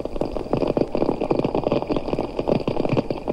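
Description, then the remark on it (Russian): American snapping shrimp click their claws underwater in a dense, continuous wash of sharp clicks, irregular and overlapping, forming a steady fizzing background with no voices. “Они щелкают клешнями, создавая фон, заглушающий почти все другие звуки подводного мира.”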